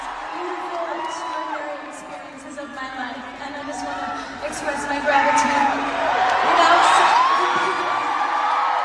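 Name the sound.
concert crowd cheering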